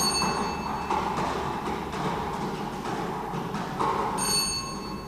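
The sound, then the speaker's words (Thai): A round lottery drawing wheel is spun by a prize-drawing official for the fourth time, with the draw committee present, giving a steady, dense, fairly loud clatter of tumbling balls, with brief ringing bell-like tones near the start and end. “พร้อมด้วยคณะกรรมการได้ออกมาประจำหน้าที่อยู่อุปกรณ์วงกลมพนักงานออกเลขรางวัลจะได้ทำการหมุนอุปกรณ์วงกลมเป็นครั้งที่4”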